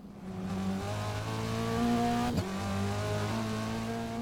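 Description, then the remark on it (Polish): A steady car engine drone with layered harmonic tones that hold and shift slightly, with a brief dip and sweep midway; a video game's stereo steering-guide engine sound, which the player keeps centred, moving across the stereo field. No speech. “Odgłosy samochodu przesuwają się w kierunku,”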